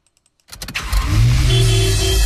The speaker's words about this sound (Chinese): 城市熙攘，车流不息